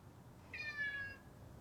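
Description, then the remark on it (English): A single drawn-out meow from a cat sitting on a kitchen windowsill above the sink, bright and slightly falling in pitch, lasting about half a second against a quiet background hum. No one speaks. “She walks into the kitchen to find a cat sitting on a windowsill above the sink.”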